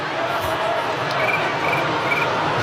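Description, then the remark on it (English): A person imitates a cricket's chirp: thin, high trills repeat a few times over a steady wash of crowd noise, with no clear talking. “He's been too busy making cricket noises.”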